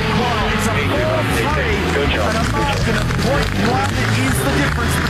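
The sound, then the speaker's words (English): A V8 race car engine drones loudly and steadily at full throttle and high revs, filling the whole clip, with a man talking excitedly over the roar; it is Chaz Mostert's Mobil 1 Optus Racing car, flat out at McPhillamy across the top of the hill. “And Mostert's got it fully pinned at McPhillamy.”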